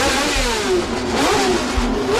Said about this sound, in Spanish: El ruido de los motores era atronador.